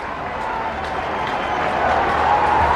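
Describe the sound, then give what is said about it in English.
A home crowd at an Ole Miss baseball game cheers in a dense, continuous roar that swells slightly louder toward the end, with scattered claps and a thin whistle-like tone threading through. The crowd is urging on pitcher Elliott as he tries to work around a leadoff double. “Here comes the crowd.”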